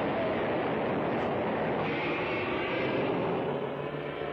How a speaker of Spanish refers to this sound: ¡Escuchan! Parece como la corriente de un río. Sí, de la compuerta surge un torrente.